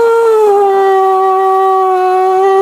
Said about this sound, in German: der Prinzenstraße am Stadtgarten steht das Tiny Music House und da basteln Kinder wirklich Gartenschlauchtrompeten. Da kommt so ein Aufsatz für einen Wasserhahn als Mundstück drauf und ein Papiertrichter ans andere Ende. Und dann wird halt gepustet.